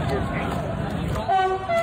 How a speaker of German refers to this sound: Und dann fährt dort ein Zug vorbei. Ja. Und macht einfach nichts, außer zu hupen.